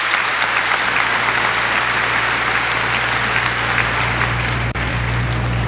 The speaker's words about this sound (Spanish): Bendito Fulton J. Sheen. Lo aplauden de nuevo.